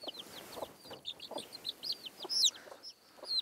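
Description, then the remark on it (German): A hen clucks in short, repeated bursts, with higher chirps from smaller birds scattered over the top and no one talking. “Nicht so einfach, einen Huhn auszutricksen.”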